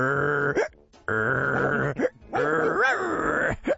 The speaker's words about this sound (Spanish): Todavía no está listo para ser adoptado y aunque físicamente parece haberse recuperado, mentalmente todavía está muy ansioso a veces. De fondo se escuchaba el ladrido del perro que hacía lo siguiente.